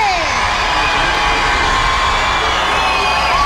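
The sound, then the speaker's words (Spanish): A large crowd at a thrash metal concert screams and cheers in one sustained, roaring wall of noise, loud, with shrill individual shrieks cutting through the dense mass of voices. “¿Cuál es el grito más fuerte que ustedes van a dar esta noche?”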